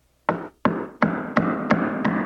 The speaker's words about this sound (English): Knocked on the door. That old witch looked out and said, "Who is it?"